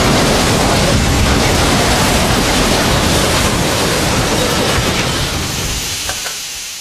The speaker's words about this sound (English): Dude, there's another train on this track. Buddy, it's coming at us.